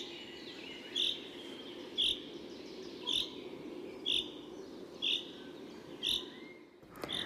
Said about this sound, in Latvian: Un žubītei ir arī sauciens, ko sauc par lietus dziesmiņu. Tas atgādina tādu rīvītes skaņu.